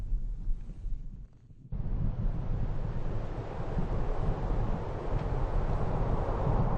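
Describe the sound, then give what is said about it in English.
A low rumbling mountain wind roars steadily, then surges suddenly into a stronger, broader gust that keeps blowing hard for several seconds, buffeting like wind across the microphone. “A gust of strong wind draws a curtain of thick clouds, which turns to snow in a moment's notice.”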